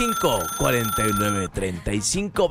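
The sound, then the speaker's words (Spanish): A telephone rings with a steady, high electronic tone as the first listener call comes in to a radio program, while voices talk loudly over it. “Ya entró la primer llamada.”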